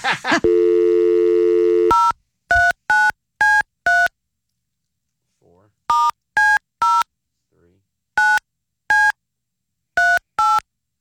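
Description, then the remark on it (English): A sustained steady tone, then three quick bursts of five short telephone keypad beeps each as a phone number is dialed to call someone, evenly spaced and loud, separated by brief near-silent pauses. “I hope she answers.”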